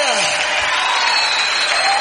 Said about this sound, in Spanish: Oh, dale fuerte ese aplauso al que es digno de honra, de gloria, de adoración, de alabanza.